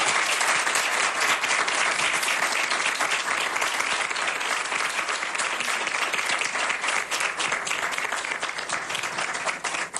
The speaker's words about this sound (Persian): یه پیام از داخل داشتیم و این ارزش داره که همگی یک کف مرتب برای این کسی که این پیام رو به این برنامه فرستاده بزنید، یک تشویق بکنید.